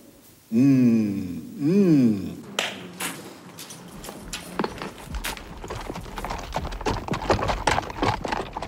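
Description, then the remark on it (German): Two loud, wavering horse neighs ring out, then many hooves clip-clop in an irregular, overlapping patter on a hard surface as five Italian horses with their pack drivers from Tricesimo and the Pinzgauer Sama set off on a long journey. “Die 5 italienischen Pferde mit ihren Säumern aus Tricesimo und die Pinzgauer Sama machten sich auf den weiten Weg.”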